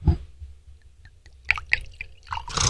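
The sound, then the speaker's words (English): Quinte Decimo wine from the Falaghina grape pours into a glass: a soft knock, then a few gurgling splashes and trickles building toward the end, fairly quiet with no voices. “So I'm going to pour this beautiful.”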